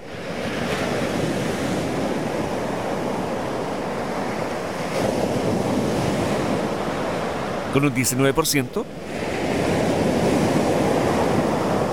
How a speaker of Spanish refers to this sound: Segundo lugar, sonido olas del mar.